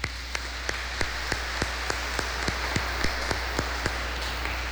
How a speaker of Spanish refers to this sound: Démosle un aplauso a ellos.